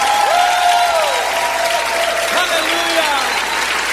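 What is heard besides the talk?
audience applauding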